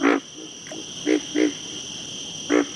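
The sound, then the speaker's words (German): A frog croaks in short, buzzy calls at a steady pulse of about two calls per second, louder notes alternating with fainter ones, over a constant high-pitched insect-like whine. “Auch Frösche bedienen sich oft eines Rhythmus von 2 Tönen pro Sekunde.”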